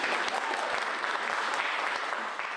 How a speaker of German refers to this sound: Nein, die verdienen die Applaus, die Tänzer.